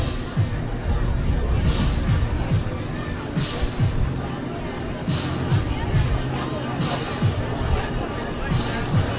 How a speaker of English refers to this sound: Crowd is gathering a little bit here.